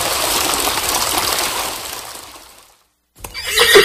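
A horse whinnies briefly near the end, after a long wash of hissing, rushing noise fades into a moment of silence. The neigh is short.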